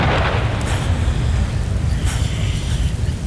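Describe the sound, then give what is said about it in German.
A heavy clap of thunder during a lightning storm at night rolls into a deep, continuous rumble that stays loud for a few seconds, followed by dead silence, with no voices present. “Als die Totenstille nach dem Donner einsetzte, hörte ich in der Dunkelheit das Rascheln des verschimmelten, spitzenbesetzten, ehemals schönen Kleides.”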